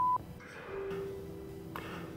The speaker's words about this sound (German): Nachrichten bitte nach dem Piepton.